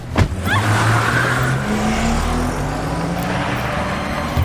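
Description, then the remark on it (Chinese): A car engine revs up and pulls away, chased on foot by a man in his seventies, its pitch climbing steadily as it accelerates, fairly loud with a brief tire squeal at the start and no voices. “当时您是不在场啊，我告诉您那个场景啊，你说这个年轻人追汽车哈，70多岁的老人了，他还在追汽车。”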